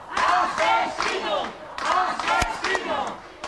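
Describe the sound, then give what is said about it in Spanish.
Neighbours in Hornachos shouting angrily all at once as the brothers detained for the murder of Francisca Cadenas return to the village to reconstruct the crime, loud overlapping yells rising and falling in bursts, with a sharp thump partway through. “Lo hacían entre estos gritos por parte de sus vecinos y vecinas.”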